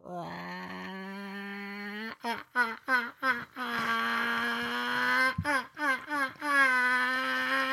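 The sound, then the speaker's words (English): A person imitates a chicken with a sustained, nasal, harmonic voice, breaking into a series of short clucking bursts, then more drawn-out squawks and a few quick clucks, loud and without other talk. “You want to hear my chicken?”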